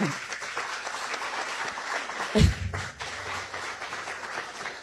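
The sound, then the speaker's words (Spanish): An audience applauds steadily for the sponsor of a clinic, a dense crackle of many hands clapping that fills the whole stretch, with a dull thump partway through and faint voices mixed into the crowd noise. “Es un aplauso para ese padrino.”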